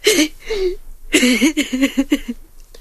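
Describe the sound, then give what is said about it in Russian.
A boy cries: two drawn-out whimpers, then a quick run of shaky, catching sobs that fade away at the end, with no other sounds around. “Это ничего, пастушок. Это можно. Бывает, что и солдат плачет.”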